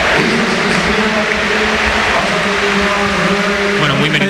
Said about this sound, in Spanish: Y se marcha Dani Olmo, que hoy cumplía 60 partidos. Escuchamos la ovación de Split.